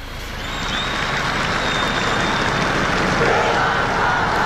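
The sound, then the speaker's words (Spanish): A large crowd of youths from the Inmaculada shouts and cheers together for the Pope during the Sunday Regina Caeli, a sustained, loud roar mixed with clapping, swelling in the first second and holding steady throughout. “Ahí están los jóvenes de la Inmaculada que hacen sonreír al Papa con su grito.”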